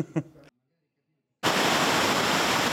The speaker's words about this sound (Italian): Il fiume Oglio scorre sui detriti scaricati dalla Valrabbia, come nel 2012 a Sonico, nonostante i milioni di euro investiti, praticamente al livello della statale 42, ripulita ma ancora chiusa per i danni e il rischio di nuove colate.